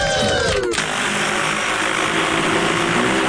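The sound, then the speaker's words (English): A steady, loud mechanical whir of an agricultural spray drone applying fungicide, with a buzzing motor hum and layered high-pitched whine holding constant throughout, after a brief burst of shifting tones at the start. “That is a drone”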